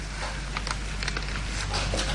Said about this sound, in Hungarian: Hallod? Eleredt az eső.